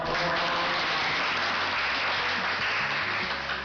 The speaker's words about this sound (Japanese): ありがとうございます。たくさんの拍手をいただきました。 ありがとうございます。